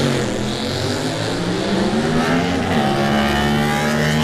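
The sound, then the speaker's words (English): A sport motorcycle, number 17, an R6 ridden by Michael Sweeney, roars loudly and continuously as it accelerates away on a track, its high engine whine holding strong throughout with a slight rise in pitch, no voices over it. “Michael Sweeney up next on 17 on that R6. He's been riding for quite a few years, and he gets away, does Mikko, 121.6.”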